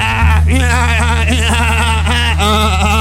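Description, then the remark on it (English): A person imitates a goat, letting out a loud, quavering bleat that wobbles up and down for about three seconds, with a steady low hum underneath. “I'm like the goat god now.”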